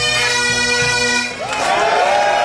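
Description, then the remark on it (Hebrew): A crowd of Scotland football fans, the Tartan Army, celebrates in the streets of Boston after Scotland's World Cup win over Haiti, a loud, steady wall of chanting and sung voices with cheers rising together partway through. “זוהי לא אדינבורו. כך נשמעים רחובות בוסטון במהלך השבוע האחרון.”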